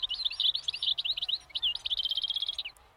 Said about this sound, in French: Oh, est-ce que c'est pas un oiseau, ça? Si. Tu vas l'attraper? Si. Waouh, tu l'as attrapé dans l'arbre. Et il fait si bruit là.